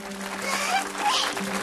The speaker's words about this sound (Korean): 모두 박수!